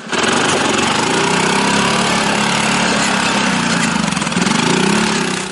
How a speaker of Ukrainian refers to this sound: За допомогою пульта виїжджає на фронтові дороги і ось цей квадроцикл. Оператор керує ним із укриття.